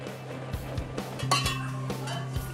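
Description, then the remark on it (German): Glasses clink and rattle against each other as around 70 glasses, with bottles and decorations, are carried to a hospital ward for a cocktail bar: a steady jostle of bright chinks with a few sharper knocks, moderately loud and without any voices. “Rund 70 Gläser müssen mit rüber, Flaschen und Deko, bis im Krankenhaus oben auf der Station alles wieder ausgepackt wird.”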